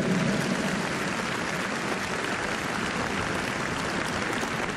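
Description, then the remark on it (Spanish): Sustained applause from a large crowd at a religious congress, given to the Holy Spirit: a dense, steady wash of many hands clapping at once, loud and even for the whole stretch with no voices standing out. “Otro aplauso al Espíritu Santo, fuerte.”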